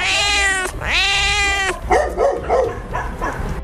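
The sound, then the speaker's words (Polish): Cats meow loudly at an animal shelter housing about 150 cats in tarp-covered aviaries, two long drawn-out wails one after another, followed by a busy stretch of shorter, overlapping animal cries. “a woliery, w których mieszkają koty, muszą być przykryte plandekami.”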